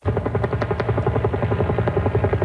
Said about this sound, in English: Helicopters are dropping water on a wildfire that broke out inside Belcarra Regional Park, 40 kilometers east of downtown.